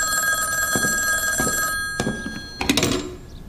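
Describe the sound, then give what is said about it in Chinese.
An old-style telephone bell rings loudly and steadily with a call for the director, then cuts off, followed by a few clunks as the receiver is picked up. “严主任的电话。”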